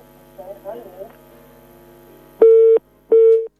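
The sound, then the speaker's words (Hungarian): A telephone busy tone on a radio phone-in line after the caller hung up sounds twice, two loud, steady electronic beeps with a short gap between them, following a quiet stretch of faint line noise and murmuring voices. “Kedves hallgató letette a telefon, de imádkozzunk így kimondatlanul is az ő szándékaiért.”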